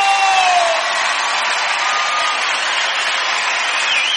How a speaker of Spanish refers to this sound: levanta su grito de júbilo.